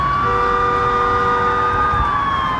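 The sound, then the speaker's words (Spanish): Several police patrol cars speed along the emergency lane of a highway in Montreal, Canada, at rush hour, sirens wailing loudly and continuously, a sustained high tone that dips slightly in pitch near the end, over a low rumble of highway traffic, with no one speaking. “Varias patrullas van a toda velocidad por el carril de emergencia.”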